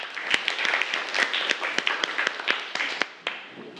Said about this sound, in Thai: ขอเสียงปรบมือของเพื่อนให้เพื่อนหน่อยครับ